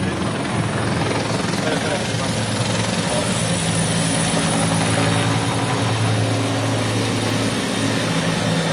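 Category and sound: vehicle, helicopters flying overhead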